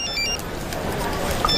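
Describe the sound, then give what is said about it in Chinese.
A phone ringtone chimes in short, bright melodic bursts at the start and again near the end, heard over the steady clatter and murmur of a busy room. “接电话啊。”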